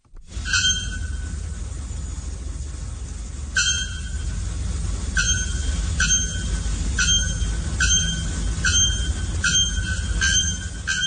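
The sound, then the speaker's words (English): A bare-throated bellbird, one of the world's loudest birds, shrieks repeatedly: loud piercing metallic clangs like a struck bell, about nine calls that quicken to roughly one per second, over a low steady background rumble. “Now, brace yourselves for the haunting shriek of the bare-throated bellbird.”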